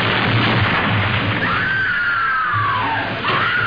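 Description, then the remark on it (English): Loud, continuous explosions with a deep rumbling roar and bursts of noise from a film disaster scene of an upside-down passenger ship flooding with water, with a drawn-out scream-like wail rising and falling through the middle. “And gradually, water is flooding the ship, kind of like the Titanic. And there are explosions.”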